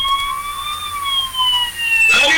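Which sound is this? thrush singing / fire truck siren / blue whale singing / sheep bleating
fire truck siren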